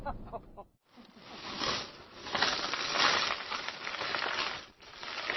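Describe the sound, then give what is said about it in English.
Pieces of sea glass being sorted at home, a steady stream of clinks and gritty rattles that shifts and swells, with a brief pause near the start after a faint murmur of voice. “At home, Bill and Helen sort their glass.”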